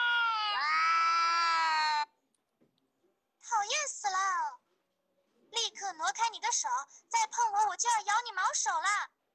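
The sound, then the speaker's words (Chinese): A recording of two cats meeting with fur bristling, played to an AI pet translator in a product test: they yowl at each other in drawn-out, wavering cries, first one long howl, then a pause and a burst of rapid, overlapping snarling wails, loud. “听见声音，边牧立刻主动贴贴，而如果播放两猫相遇炸毛的叫声，翻译器又说起了人话。”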